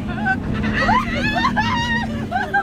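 Several riders scream and whoop in overlapping, rising and falling cries over the steady low engine rumble of a high-performance pickup truck as it accelerates around a dirt course and flies over rolling hills on a fair ride, loud and continuous throughout.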